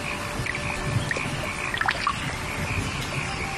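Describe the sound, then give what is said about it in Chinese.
A steady wash of summer rain over open water in an early-rice paddy in Zhengwu town, Zengcheng, with scattered small drips and splashes popping out here and there, and soft croaking faintly in the background. No one speaks. “夏天，增城正午镇，听，雨滴溅起早稻的清香。”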